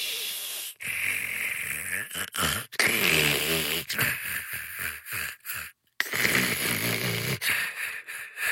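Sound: person snoring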